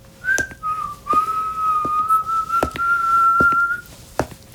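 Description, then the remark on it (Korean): A person whistles while crossing a yard, a sustained, wavering tune, the melody sliding up and down for several seconds, with sharp footstep-like knocks and clicks sounding intermittently beneath it. “겨우 벽을 짚고 정신을 가다듬는데 마당을 가로지르는 휘파람.”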